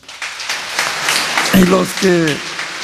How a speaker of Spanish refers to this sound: Un aplauso, felicidades.